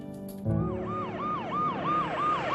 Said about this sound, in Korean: 어둠이 깔린 병원으로 요란한 사이렌 소리와 함께 도착하는 구급차 한 대.